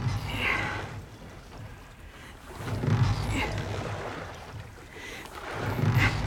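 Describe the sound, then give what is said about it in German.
Oars dip and splash through water in a slow, steady rowing rhythm, a stroke every few seconds, with gentle water movement and light wind between strokes. “Halt! Riemen ein!”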